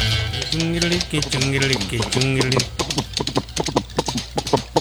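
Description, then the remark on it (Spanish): A voice sounds first, then the hooves of a ridden horse clip-clop in a steady rhythm of sharp knocks, continuing to the end with the voice fading out. “Ya está trepado en el caballo.”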